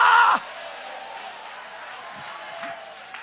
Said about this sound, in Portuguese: Levanta a mão bem alta para Deus e aplaude a Ele. Aplaude esta presença que caminha contigo. Aplaude esta presença que cuida de você. Aplaude esta presença que te sustenta na jornada.